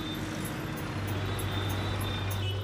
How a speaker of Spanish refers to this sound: Siempre hay mucho tráfico en Hanoi.